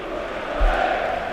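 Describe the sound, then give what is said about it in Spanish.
A football stadium crowd shouts the Rayo's chant, 'el grito del Rayo', in a loud, sustained roar of many voices, holding steady for over a second, with a brief low thump partway through. “Ahí está el grito.”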